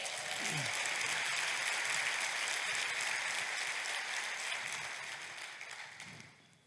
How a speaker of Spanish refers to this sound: Date un aplauso.